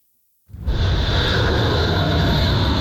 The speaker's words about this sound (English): One jet after another takes off from U.S. carriers near the Persian Gulf on bombing runs targeting Iran